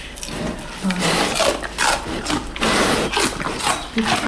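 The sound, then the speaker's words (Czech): Two bears crunch on celery stalks fed to them in their enclosure, a steady series of loud, wet, splintering chomps repeating every half second or so with no one talking. “Už pěkně chroupají.”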